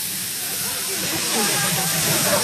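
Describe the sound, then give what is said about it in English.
A sizzling fajita platter hisses steadily and loudly throughout, a bright continuous crackle that swells slightly toward the end, with faint murmuring voices underneath. “Got the sizzling fajitas.”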